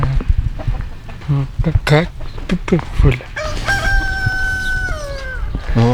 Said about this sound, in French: M'approche pas la poule. Hein. Faut pas que ça s'approche de moi. Fais-la partir. Mais non, mais elle va pas nous manger, regarde.